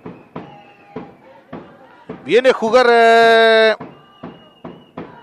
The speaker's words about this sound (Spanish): Se escucha la barra de los visitantes.